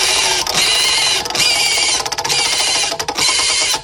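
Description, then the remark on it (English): A "news pig" prize wheel spins to pick one of three news stories, with a rapid, continuous clatter of bright clicks, loud and dense, briefly thinning in spots before the ticking carries on. No one speaks. “Let's spin that pig.”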